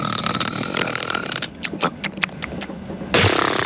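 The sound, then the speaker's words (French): A voice imitates a man who has fallen asleep on a train snoring: a long, rough, buzzing rasp, then a string of short snorting puffs, ending in another loud harsh snore. “Ou une dame qui s'appellerait Monique, ou un monsieur qui s'appellerait Thierry et il s'endormirait dans le train parce que les messieurs, souvent, ils s'endorment dans le train et ils ronflent comme pas possible.”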